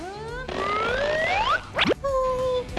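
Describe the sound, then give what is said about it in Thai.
A small toy piece, tossed toward the mouth of a frog in a little-frog-eats-insects toy game, bounces out: springy, rising boing-like tones sweep upward, broken by a quick plastic clatter, fairly loud with no talking. “อีกนิดเดียว มันกระเด้งออกมา”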